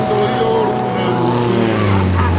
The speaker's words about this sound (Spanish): ¿has visto una avioneta a estas horas? Qué raro por aquí. Pues hombre, no sé yo, pero esto pinta de ovni no tiene.